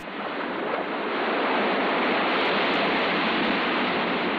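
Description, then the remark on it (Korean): A steady, dense roar of ocean waves breaking against rocks on a deserted seashore by a sandy beach in the evening as the moon rises, swelling slightly at the start and then holding a constant, full wash of surf with no voices. “어느새 상년달이 떠오르고 인기척 하나 없는 바닷가에는 바위에 부딪히는 파도소리만 들려온다.”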